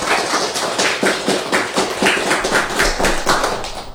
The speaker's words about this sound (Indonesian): Terima kasih kepada teman-teman. Berikan tepuk tangan untuk penampilan teman-teman kita tadi.